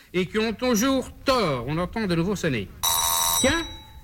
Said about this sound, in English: oh, the doorbell. Someone must be there.